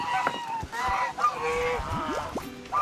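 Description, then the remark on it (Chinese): A flock of geese, a team of geese hired out for photo shoots, honks continuously, with loud overlapping harmonic calls and rising squawks layered over one another for the whole stretch, with no pauses. “是团队的经纪人，负责为大鹅们招揽生意，维持拍摄秩序。”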